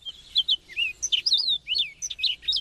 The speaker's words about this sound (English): Amidst the spring symphony of bird songs, several seem to stand out. The cardinal, the seasonal harbingers, the robin and the bluebird, and that joyful songster, the mockingbird.